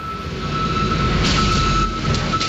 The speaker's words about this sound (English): The forklifts on the Fogo Wharf are ferrying boxes of crab from a truck to the plant. It's quiet this morning.